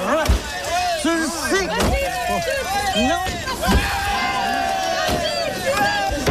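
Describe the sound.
A man smashing a car to let off steam at Chez Coco, a used auto parts yard: about four heavy, crashing blows land a second or two apart, loud against a steady hubbub of several people talking and calling out.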